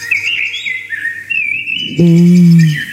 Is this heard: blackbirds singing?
yes